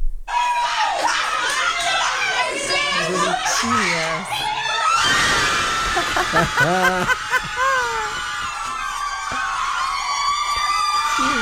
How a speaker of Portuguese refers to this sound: Nossa produtora Laura Cruz separou um vídeo de umas freiras comemorando o segundo gol da seleção brasileira. Vamos acompanhar aqui essa torcida para nossa seleção.